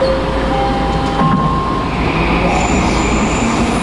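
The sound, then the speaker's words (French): A metro train rumbles loudly through a subway station in Vancouver, a steady low roar with thin high-pitched tones of wheels and brakes whining over it, continuous with no voices. “Les organisateurs ont choisi une station de métro pour lancer leur campagne, bon à savoir avant de partir, parce que ce sera compliqué de circuler dans la ville, surtout les jours de match.”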